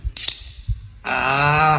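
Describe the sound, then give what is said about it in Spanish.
Beer bottles are popped open with a couple of quick, sharp metallic snaps near the start, then music with a sustained tone comes in and carries on. “¿Cómo suenan las destapadas, verdad?”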